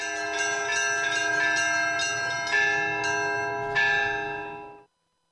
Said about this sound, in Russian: У меня вот своя мелодия. В храме в Троицком у них своя мелодия. Я подобрал свою мелодию, я вот созвучие у меня совсем другое. То есть уже этот колокольный звон, который над Болховым плывет, ни с каким другим не спутаешь? Нет, нет, нет, не свой звон.